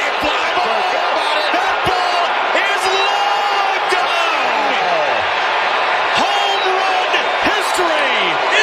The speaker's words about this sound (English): you're wondering why they're cheering. Wow, that's what the fans came to see. That's what they came to see.